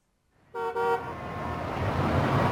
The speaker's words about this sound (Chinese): 半小时以后，一辆市政工程处的大卡车开到东亚路公共广告栏前，从车上跳下来一群小伙子，他们七手八脚的就把广告栏给肢解了，说是友爱市容，要在这里重新建议。